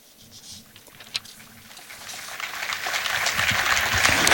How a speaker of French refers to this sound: Et les fidèles qui applaudissent, place Saint-Pierre.